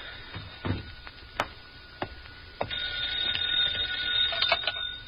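A telephone rings with a steady, buzzing bell tone that grows louder and fuller partway through, punctuated by a few sharp clicks and knocks. No one speaks.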